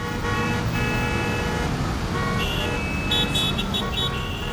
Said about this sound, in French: C'est dangereux, il y a trop de circulation.